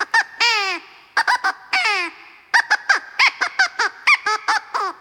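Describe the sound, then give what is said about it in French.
A crow caws hoarsely again and again, about a dozen loud, raspy calls in uneven bursts, some drawn out and others short and clipped, with no talking. “Mais c'est un peu rocasse, Corbeau”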